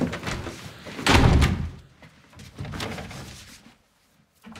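A door slams shut with a loud, sharp bang about a second in, followed by muffled rustling and shuffling before the sound fades to near silence.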